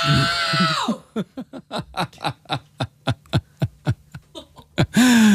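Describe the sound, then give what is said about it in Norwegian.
A person shouts at full force, trying to shout as loud as possible for a world record while the loudness is measured in decibels. A quick string of breathy, snickering bursts follows, then another loud, strained yell cuts in at the end. “Det bare å trekke pusten og rope ut.”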